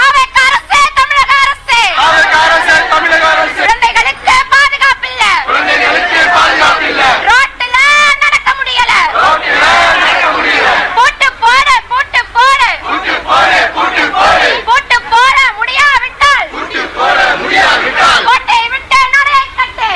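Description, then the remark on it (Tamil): A crowd of many voices shouts together in loud, continuous waves, with brief pauses between the bursts, as members of the Democratic Youth Federation of India and local residents protest against a TASMAC liquor shop near homes in Pudu Vannarapettai, Chennai. “இதனிடையே சென்னை புது வண்ணாரப்பேட்டையில் குடியிருப்பு பகுதிகளுக்கு அருகில் உள்ள டாஸ்மாக் கடையால் பெண்களும் குழந்தைகளும் பாதிப்புகளை சந்தித்து வருவதாக கூறி இந்திய ஜனநாயக வாலிபர் சங்கத்தினர் பொதுமக்களுடன் இணைந்து போராட்டத்தில் ஈடுபட்டனர்.”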